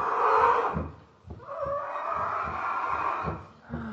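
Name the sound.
elephant trumpeting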